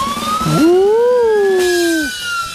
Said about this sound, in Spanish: Claro que sí, alarma de datos curiosos.